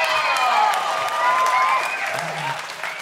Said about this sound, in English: Amazing show tonight. Let's get another round of applause for Rebecca Gibson and Darton Holmes.